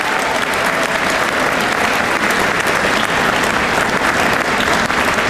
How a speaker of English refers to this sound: I also think, go ahead, clap for that too.